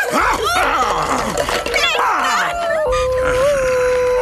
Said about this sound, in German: Und nun zu dir, du kläffende Bestie!